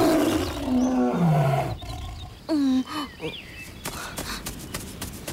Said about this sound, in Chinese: 待董奉挣扎着睁开眼睛，老虎竟然就在离自己不远的地方。好像老虎并没有离开他的意思，那就接着跑吧。